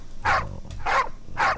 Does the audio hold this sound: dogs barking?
yes